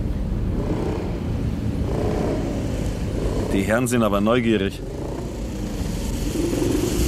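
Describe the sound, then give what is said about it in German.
A motorcycle following a car drones steadily throughout, a constant low rumble with a vehicle's road noise, while a voice speaks briefly over it midway. “Du, ich glaube, uns verfolgt ein Motorrad.”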